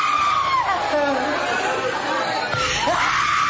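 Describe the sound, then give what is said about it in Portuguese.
A woman screams loudly and continuously during an exorcism, her strained cries rising and falling in pitch over a noisy background of crowd chatter and other voices. “Você que está trancando tudo, dá o grito da sua derrota.”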